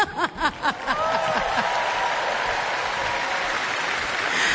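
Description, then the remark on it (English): An audience breaks into loud, sustained applause for the performers, a dense wash of clapping that holds steady to the end, with a few whoops and cheering voices at the start. “Now, let's give a big round of applause for my boys.”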